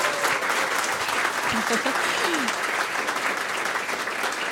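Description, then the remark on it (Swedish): An audience claps steadily for a few seconds for two musicians on stage, one on guitar and vocals and one on banjo and vocals, a dense, even wash of applause at constant loudness, with a brief low murmur of voices under it. “Vi kan väl ge dem en applåd också.”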